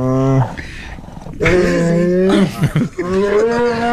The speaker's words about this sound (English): This is the bear when we tried to take his marshmallow treats away, and he gives us like two little warning growls, and then the third one, we quickly gave him his marshmallow treat because he was attacked. Listen to this.